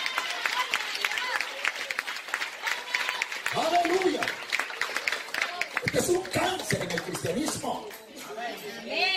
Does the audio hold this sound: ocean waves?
no